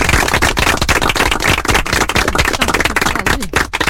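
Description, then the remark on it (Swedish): A prize wheel spins with a rapid, steady stream of sharp clicks that rattle on loudly for several seconds, slowing slightly near the end. It is spun for the last time this season to set a final number and stops on three. “det är dags att plocka fram hjulet den sista gång för den här säsongen när vi ska slå en slutsiffra.”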